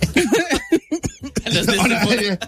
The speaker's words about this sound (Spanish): Todavía tengo tos, ¿eh?